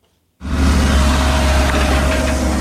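A heavy diesel machine of a tracked horizontal drilling rig starts abruptly after a moment of silence and runs steadily and loudly, a deep rumbling drone with a faint whine above it, no voices. The rig does controlled horizontal drilling underground to make a hole for a water pipe, in the Praha-Západ district, Czech Republic.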